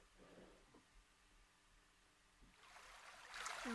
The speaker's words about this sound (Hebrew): ככה איזה נחל זורם כזה נעים, שילווה אותנו לאורך המדיטציה.